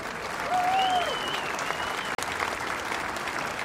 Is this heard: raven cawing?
no